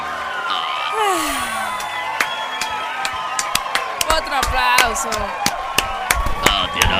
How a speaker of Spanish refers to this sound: Aplauso. Ponle las fanfarrias.